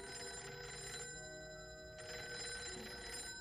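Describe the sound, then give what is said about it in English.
An old-fashioned telephone bell rings loudly in two bursts, separated by a short pause, at home late in the evening. Nobody speaks. “He fixed himself a bite to eat and was sitting at the table relaxing when the phone rang.”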